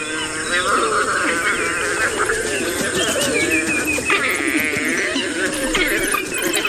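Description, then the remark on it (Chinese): A wild dog pack calling before a hunt: many overlapping high, bird-like chirps and twittering squeals, steady and loud throughout, with lower yips and rumbling calls mixed beneath. “它们和其他种类的野犬一样，在为狩猎进行准备时，族群中的成员会对彼此发出叫声，为捕猎加油打气。”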